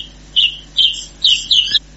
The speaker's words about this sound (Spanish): Y entonces nuestros sentidos nuevamente respiran salud, escuchando la Calandria. Y todos los pájaros en su canto, y toda la libertad con justicia social, por conquistar en el canto de la Calandria.